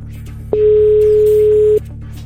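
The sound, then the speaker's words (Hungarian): A single steady telephone ringing tone sounds for just over a second, clear, over a low background hum; no voices are heard. A radio host is phoning a listener. “Én már csörgök is egyet, lássuk, ki lesz itt a befutó”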